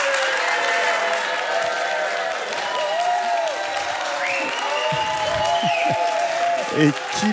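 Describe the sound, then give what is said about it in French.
A large audience applauds steadily and loudly throughout, with scattered whoops and cheering voices rising over the sustained clapping, voting by applause for keeping the octopuses rather than the whales. “Et ça va être à l'applaudimètre. Qui parmi vous préfère garder les poulpes ?”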